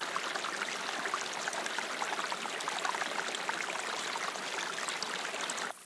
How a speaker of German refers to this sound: Am Fuß des Badbergs sprudelt eine Quelle aus dem Felsen, die trotz der Dürre nicht versiegt.